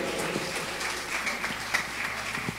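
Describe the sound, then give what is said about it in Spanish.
A church audience applauds steadily for God, dense overlapping claps blending into a continuous patter that holds at an even, moderate level without any voices. “Dios cuando bendecir que hermanos, que ya aplauso a che Dios.”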